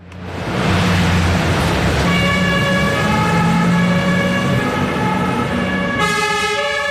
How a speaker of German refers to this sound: Die Feuerwache der Luzerner Feuerwehr. Gerade mehrere Fahrzeuge rücken wegen einem Alarm aus zum Einsatz, zu einem von gut 1400 pro Jahr.